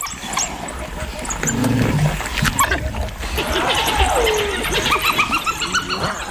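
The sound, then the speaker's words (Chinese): Two spotted hyenas arrive and call amid a noisy wild scene where a pack of African wild dogs has gathered at food: one drawn-out sliding whoop rising and falling over a dense backdrop of yips, growls and scuffling animal sounds, steady throughout. “哦，是斑鬣狗，斑鬣狗来了，这下可热闹了。”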